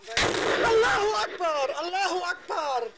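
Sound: explosion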